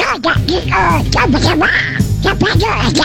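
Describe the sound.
A person does a raspy, garbled Donald Duck voice impression in a contest, quacking out a continuous stream of nasal babble for about three seconds, loud.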